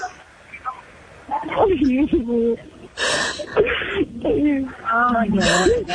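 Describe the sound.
A 63-year-old Cuban woman detained by federal agents breaks down sobbing during a phone call, her voice wavering and strained between sharp, breathy gasps, fairly loud over what sounds like a phone line.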